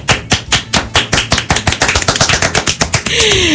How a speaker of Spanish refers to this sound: ¡Wow! Si voy a aplaudir, yo aplaudo